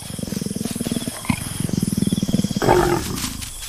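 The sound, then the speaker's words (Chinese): A leopard roars in a rapid, rasping series of low sawing pulses, breaks off, resumes, then ends in a louder, harsher snarling growl. “终于在第二天找到了雌性花豹。”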